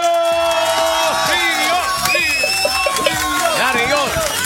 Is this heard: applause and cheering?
yes